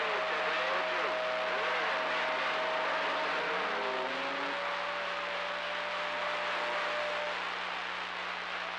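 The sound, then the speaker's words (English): A truck driving around a garden drones steadily, its whine dipping and rising in pitch partway through over a constant broad rumble, with no one speaking. “Slick Mac Nasty around the garden, slicking the truck around the garden, Slick gone.”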